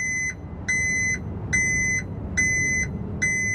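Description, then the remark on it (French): A garbage truck's reversing alarm beeps in a steady, evenly spaced rhythm, about four and a half tones, loud and piercing over a low rumbling engine and street noise, early in the morning as the truck backs up after collecting the neighbourhood's communal bin, having no room to turn around. “Puis c'est le camion qui vient les chercher. Et vu qu'il n'y a pas assez de place pour faire demi-tour, alors il recule.”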